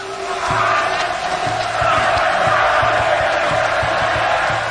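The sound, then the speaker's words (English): A large crowd of Aztec onlookers roars and cheers wildly at a human sacrifice in a dense, continuous wall of loud voices, with steady low drumbeats pounding underneath. “So they'd cut the beating hearts out of their victims' chests with a razor-sharp obsidian blade, as a crowd of onlookers cheers wildly.”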